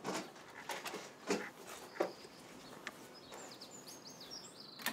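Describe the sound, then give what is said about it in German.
A female dog named Streusel pants and snuffles in quick bursts, letting out a few high, thin whimpers toward the end, with faint chirping in the background and no talking. “Und Hündin Streusel, die ein paar Tage bei Christines Mutter war.”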